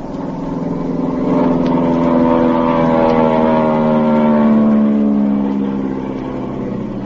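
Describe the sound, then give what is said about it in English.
A droning propeller-plane engine rumbles steadily, swelling louder through the middle as the plane flies low over a boat on the ocean, then easing slightly as it moves away. No voices are heard. “I'm going to fly over them.”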